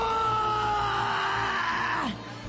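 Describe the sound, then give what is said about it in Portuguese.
A woman screams in pain during a religious deliverance prayer while a preacher sits on her spine, a sustained, high-pitched scream lasting about two seconds, holding a steady tone before her voice breaks and slides downward at the end. “Ela grita de dor.”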